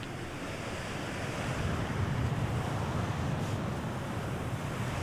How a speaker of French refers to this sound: Enregistrement tissu de la chaise, prise 1.